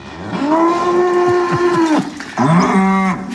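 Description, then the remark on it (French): Two loud, drawn-out cow moos, the first long and steady, the second following after a brief pause, with no talking, as the cows are let out of the barn on a farm. “vous pourrez donc aller découvrir ces vaches et cette exploitation”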